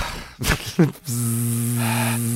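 After a few brief thumps and rustles, a Tesla electric car, switched on, hums steadily with layered low tones. Partway through, a brighter whine joins, and the drone holds at an even, moderate level.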